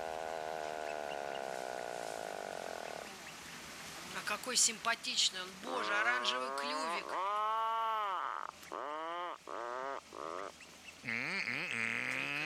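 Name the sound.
atlantic puffin call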